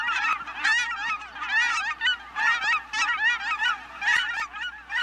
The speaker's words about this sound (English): Thanks to this habitat conservation, there are now more than 120,000 Aleutian cackling geese, making the biannual journey between Alaska and the Gulf of Mexico.